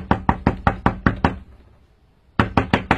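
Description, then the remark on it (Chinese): A quick run of seven sharp knocks on an unlocked door, a short pause, then four more knocks in the same steady rhythm. No voices are heard. “敲什么敲，门没锁。”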